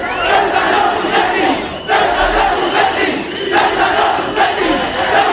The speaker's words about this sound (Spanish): Ayer cientos de manifestantes rodearon el hotel donde se alojan los ministros del gobierno que acuden a la ciudad al grito de traidor en el caso del ministro Torres.